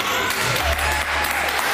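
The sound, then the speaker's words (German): Steady, dense applause from a crowd, a continuous wash of clapping at a constant loudness throughout, with a faint murmur of voices underneath. “Das ist wie, also Applaus ist doch ein wie Torjubel, oder?”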